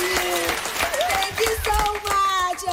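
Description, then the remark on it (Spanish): A crowd at a performance breaks into steady, dense applause for the first tourists of the season, many hands clapping together at once, with raised voices and cheers mixed in throughout. “Un aplauso para los primeros turistas de la temporada, por favor.”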